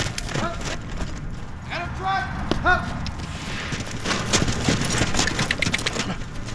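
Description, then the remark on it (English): Several police horses' hooves clip-clop at a steady walking pace on hard ground as officers train with them in Cleveland, a dense run of overlapping knocks, with brief muffled voices calling out partway through. “Officers and their horses training in Cleveland.”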